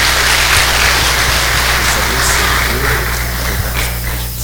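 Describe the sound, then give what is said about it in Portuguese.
Steady applause from a church audience for children who have just been baptized, a dense, continuous patter of many hands clapping at moderate loudness for several seconds, with a low hum underneath. “E nós podemos mais uma vez aplaudir essas crianças que hoje receberam o sacramento do batismo.”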